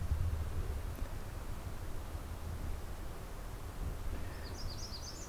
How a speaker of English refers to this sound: Bird song. Distant waterfalls, and otherwise, it's very quiet.